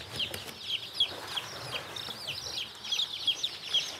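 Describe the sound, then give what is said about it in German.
Many two-day-old chicken chicks peep continuously in a dense chorus of high, thin chirps, with brighter individual peeps rising above the steady chatter at a moderate level and no voices. “Die Küken sind gerade mal 2 Tage alt.”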